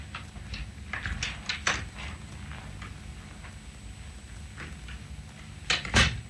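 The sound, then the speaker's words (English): A door is opened and later shut as a secretary goes through it into another room, with a few soft wooden clunks and latch clicks, ending in a sharper close near the end. No one speaks. “The secretary disappeared through the door to the room where I'd last seen the old lady and left me standing near her desk.”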